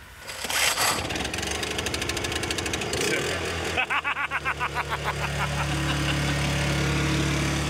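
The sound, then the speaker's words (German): A small built-in power generator, started from inside, cranks with rapid, rhythmic chugging pulses, sputters, then catches and settles into a steady, droning hum with a low, even tone. “Stromaggregat, und das können wir von innen anziehen. Also das können wir von innen starten.”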